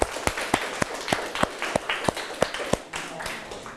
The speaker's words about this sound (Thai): โอเคครับเก่งมากมากเลยครับปรบมือเพื่อนหน่อยครับ